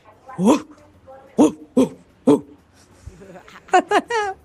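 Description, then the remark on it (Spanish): A person imitates a dog barking, giving a series of short, sharp vocal yelps with pauses between them, fairly loud, ending in a quick burst of three rapid barks, as a contest entry to win tickets. “Un buen día para todos los oyentes y bueno, voy a participar por las entradas a …, mi ladrido.”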